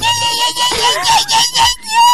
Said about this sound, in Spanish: ¿Te sale un sapucay?